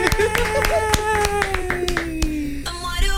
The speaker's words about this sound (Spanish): ¿Y qué pasa, la señorita quinceañera? Y el aplauso fuerte. Y todo.